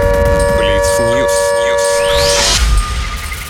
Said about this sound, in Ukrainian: Увага! Повітряна тривога триває. Залишайтеся в укриттях.